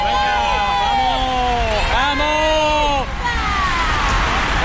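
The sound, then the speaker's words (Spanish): A roadside crowd on a bridge cheers and shouts loudly and continuously as the whole grouped peloton of racing cyclists rushes past at over 50 km/h on the A357 straight near the university, with a steady rushing roar beneath the voices. “Se acaba de pasar ya todo el pelotón agrupado. Ahora los coches de los equipos.”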